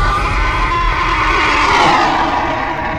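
A black horse whinnies loudly, a drawn-out, wavering call lasting a few seconds over a rumbling, noisy background.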